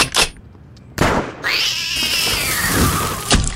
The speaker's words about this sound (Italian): E vede quel ramo lassù? Un gattino ci si è arrampicato e non vuole scendere.